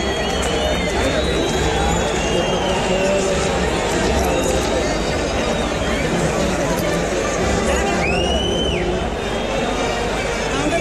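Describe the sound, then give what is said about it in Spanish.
A large bullring crowd claps steadily as the young bull is dragged out after the request, the dense applause mixed with murmuring voices, and a short whistle rises above it near the end. “Arrastra al novillo entre palmas del respetable después de la petición.”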